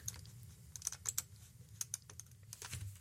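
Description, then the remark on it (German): Rapid, irregular clicks of a computer keyboard and mouse as someone clicks through to the next news item, fairly quiet, with a low hum underneath and no one speaking. “Und wir klicken uns in die nächste Meldung rein.”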